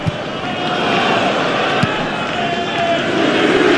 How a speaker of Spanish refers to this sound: Escuchen ustedes el abucheo, ¿eh? Por parte respetable. Ojo. No están abucheando el Fulham. Abuchean a la visita.